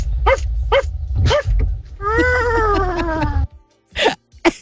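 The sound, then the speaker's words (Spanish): A caller on Radio Disney barks like a dog several times in short, sharp bursts, with one longer drawn-out whine-like howl in the middle, loud, over a low background rumble. “el sonido que hago es el del perro. Hay varios ladridos.”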